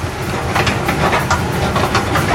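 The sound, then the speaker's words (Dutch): A running escalator at a deserted train station gives a steady mechanical rumble, with a regular clacking of steps passing over it. It is fairly loud, and no one speaks. “Het enige wat hier op rolletjes loopt is de roltrap. Dat kan ik ook wel even laten horen.”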